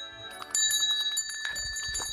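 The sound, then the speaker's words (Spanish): A small bell rings briskly a few times, its bright, high metallic tones sustaining and overlapping, fairly loud, with no voices; rung to announce a digression. “busco la campana y les ofrezco una digresión moreira”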